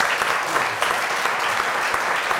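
An audience applauds steadily, a dense, even patter of many hands clapping at a constant, fairly loud level throughout, with no voices standing out.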